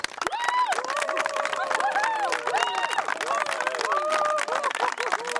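A crowd applauds loudly and steadily throughout, dense clapping mixed with cheering and high, rising whoops from several voices, with no pause in the noise.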